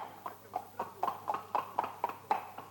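The hooves of two saddle horses out on a ride clip-clop at a steady walking pace, about a dozen hollow knocks in an even rhythm, moderately loud, over a faint low hum with no talking.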